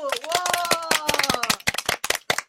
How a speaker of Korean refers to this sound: 이쯤 되면 박수 한번 안칠 수가 없죠. 와, 잠깐만, 이번에는 진짜 큰 박수로 축하해야 할 일이네요.